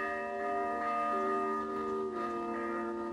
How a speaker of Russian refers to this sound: Потом услышала колокольный набат. То ли война, то ли пожар.